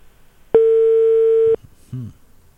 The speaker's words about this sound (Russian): Женя в этот самый момент набирает телефон.